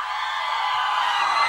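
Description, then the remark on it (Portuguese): A large concert audience shouts and cheers after a song, answering a call to shout if they liked it, in a dense, sustained roar that stays loud and steady throughout, with individual whoops blending into the wash of crowd noise. “gostou, dá um grito!”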